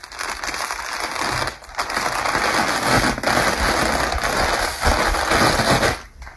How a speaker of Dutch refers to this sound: Het ontrollen of afrollen van patroonpapier, zodat ik een patroon kan tekenen.